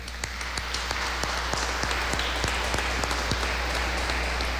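An audience applauds steadily for nearly five seconds during a Eucharistic celebration at the start of the novenas to Our Lady of Carmen, honoring a girl's 16th birthday. It is a dense wash of many hands with sharper individual claps standing out, holding an even loudness throughout over a low steady hum, with no talking.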